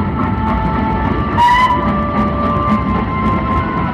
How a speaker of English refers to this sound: Then he gave another whistle. The train began to move forward so fast that it was frightening.